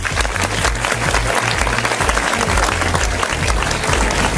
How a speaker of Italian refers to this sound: Facciamo un applauso a ….